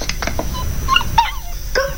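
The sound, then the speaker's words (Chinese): A small stray dog gives a string of short, high yips and whimpers in quick irregular bursts over a low indoor rumble inside a home, with a brief squeal near the end. “流浪狗，我都喂它两天了。”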